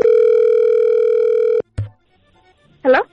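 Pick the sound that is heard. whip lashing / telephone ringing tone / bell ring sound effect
telephone ringing tone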